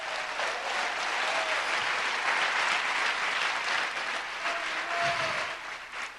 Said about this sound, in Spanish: Dele fuerte ese aplauso a Cristo, aleluya.